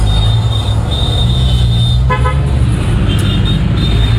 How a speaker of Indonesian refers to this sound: Pendengar, saat ini saya sedang berada di halte bus Surabaya di Jalan Pemuda. Saya akan mengajak Anda untuk mengetahui bagaimana rasanya naik bus berbayar botol sampah. Nah, busnya sudah datang. Yuk, sekarang kita naik.